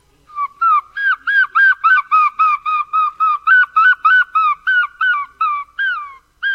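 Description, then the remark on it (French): A human voice imitates a herring gull's call: a rapid, steady series of about eighteen loud, nasal yelping notes, with nothing else in the background. “Alors moi, le premier oiseau, c'était le goéland argenté, celui-là.”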